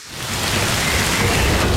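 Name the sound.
rain and thunder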